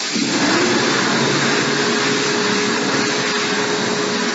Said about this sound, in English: That's a hand dryer. Someone says, why are they so loud? It's a good question. Why are they so loud?